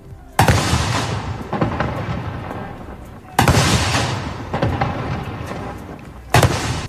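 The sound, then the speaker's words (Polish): Three loud cannon blasts of a ceremonial salute at dawn at Westerplatte in Gdańsk, Poland, marking the anniversary of the outbreak of World War II, spaced about three seconds apart, each a sharp boom followed by a long rolling echo fading across open air. “Salut armatni!”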